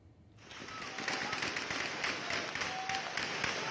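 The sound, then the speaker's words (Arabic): Heavy gunfire at night in the town of Azaz, northern Aleppo, after a quarrel among residents escalated into armed clashes. After a brief quiet moment it erupts as a dense, continuous crackle of rapid sharp shots overlapping with no pause, staying loud and busy until the end. “إطلاق نار كثيف جاء بعد شجار بين أفراد من المدينة تطور إلى استخدام السلاح، ما استدعى تدخل قوى الأمن الداخلي لفرض الأمن واستعادة الهدوء إلى المنطقة.”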